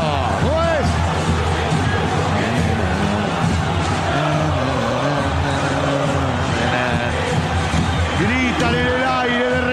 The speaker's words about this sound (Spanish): Gritan a más no poder, gritan y se sacan la mufa, sosteniendo al equipo que ha dado buenas señales en estos 10 minutos de juego, ¿no?